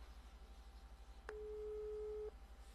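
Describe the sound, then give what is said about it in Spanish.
A single steady telephone busy-signal tone sounds for about a second, clear, over a faint low hum, with no talking, as a call goes unanswered. “Ay, no hizo vaina, no ni atenderle el teléfono.”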